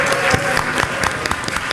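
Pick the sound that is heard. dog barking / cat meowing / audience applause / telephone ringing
audience applause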